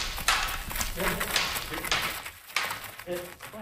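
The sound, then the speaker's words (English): War horses, including Flavy and Toad, of Academy Cavallo, School for Historical Mounted Combat in Langley, British Columbia, moving, hooves clip-clopping in an uneven rhythm over a steady outdoor background, with a voice talking faintly underneath. “Here she introduces two of her war horses, Flavy and Toad.”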